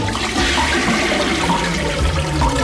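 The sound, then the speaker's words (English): A toilet flushes with a loud, steady rush of swirling water that fills the whole clip, a broad hissing gurgle with no voices. “Life going down the drain?”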